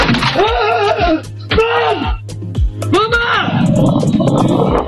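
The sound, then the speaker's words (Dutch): A man in Honselersdijk lets out loud, strained screams of fright at a snake in his front garden, recorded by a doorbell camera: three drawn-out wailing cries in quick succession, raw, with a rougher panicked burst trailing off at the end. “Een filmpje van een man die zich rotschrikt van een slang in zijn voortuin.”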